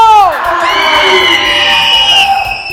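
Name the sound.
people shouting and cheering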